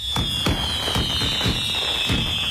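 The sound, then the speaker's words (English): A rapid series of 4th of July fireworks bursts, about six sharp booms in quick succession over a steady high-pitched whine, fairly loud and continuous with no talking. “The Lakeland Flying Tigers are bringing back their 4th of July fireworks extravaganza, and you don't want to miss it.”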